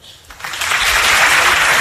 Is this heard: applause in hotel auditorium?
yes